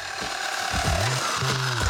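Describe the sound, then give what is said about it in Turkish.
A power saw grinds and groans in a strained, uneven drone, its pitch sliding and wavering as if bogging down or jammed, loud with no talking; the saw is being used while working on a 1993 wagon for an LS engine swap. “Daha önce hiçbir testereden böyle bir ses duymamıştım.”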